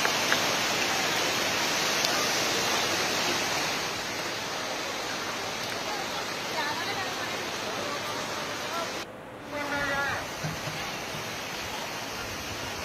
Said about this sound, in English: Well, these dramatic visuals come from Ramnagar in Nainital district. Due to relentless rainfall, water level in the Kosi River has risen sharply.